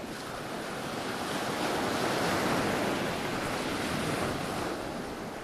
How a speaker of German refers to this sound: Sanft laufen die Wellen an den pulverig weißen Sandstrand. Das Wasser leuchtet hell türkis. Wedge Island im westlichen Australien ist ein Inselparadies.